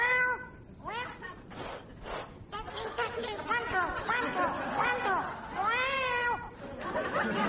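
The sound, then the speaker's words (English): A cat named Rover, locked in a mosque after Friday evening prayers, meows over and over through the mosque tower's loudspeaker sound system, normally used for the call to prayer, after turning on the microphone. The long wailing calls come in quick succession, loud, tinny and amplified, with no pauses of silence between them. “Well, Rover the cat had got locked in the mosque right after Friday evening prayers, gone up the tower, turned on the microphone.”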